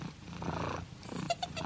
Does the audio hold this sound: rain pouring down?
no